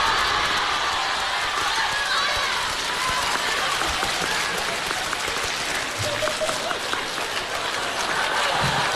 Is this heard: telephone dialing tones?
no